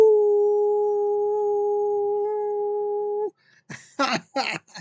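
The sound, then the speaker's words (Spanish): A person lets out a long, steady, sustained howl lasting about three seconds, loud, followed by a few short breathy vocal bursts. “He aullado.”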